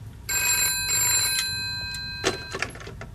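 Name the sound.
telephone ringing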